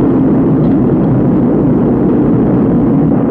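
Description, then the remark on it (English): A thunderous, continuous roar of rocket engines at liftoff, dense low rumble and crackling noise holding steady and loud for the whole stretch with no voices. “We have ignition. 6, 5. We have outboard engines. 3. We have inboard engines. 1, 0. We have a launch commit. We have a liftoff at 35 minutes after the hour.”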